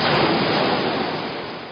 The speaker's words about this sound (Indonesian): Bak gejolak ombak menerjang pantai.